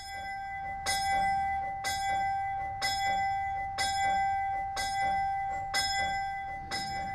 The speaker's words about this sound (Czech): Má kaple i svůj zvon? Má svůj zvon, je ve štítu zabudovaný, má to automatické zvonění, zvoní poledne a klekání, každý den.